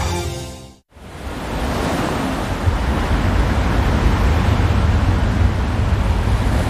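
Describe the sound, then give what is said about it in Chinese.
Ocean waves wash onto a beach in August, where female olive ridley sea turtles ride the waves ashore, in a steady, loud, hissing roar that swells slightly. It follows a brief burst of tonal music and a moment of silence. No one speaks. “雌性太平洋丽龟乘着海浪聚集到沙滩上。”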